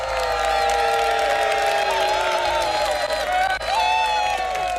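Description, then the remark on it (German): A crowd cheers and applauds loudly and steadily, with high whoops and shouted voices layered over continuous clapping for the whole stretch. “Es war ein sehr schönes Duell. Hat Spaß gemacht, gegen euch anzutreten. Applaus für euch.”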